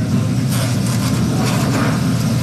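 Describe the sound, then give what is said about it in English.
Steady, crackling sizzle of chicken frying in hot oil at the Chicken Hut, a Black-owned restaurant in Durham, a continuous hiss spread over a loud low droning hum, with no voices. “Well, you just heard the sound of chicken frying at the longest-running Black-owned restaurant in Durham, the Chicken Hut.”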